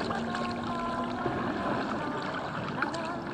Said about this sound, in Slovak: Pokojný ako voda kanálov, po ktorých sa plaví moja gondola.